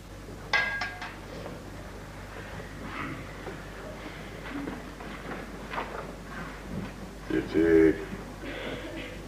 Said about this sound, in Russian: Юсов подает Вишневскому стакан воды.